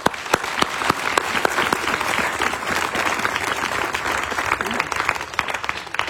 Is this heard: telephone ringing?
no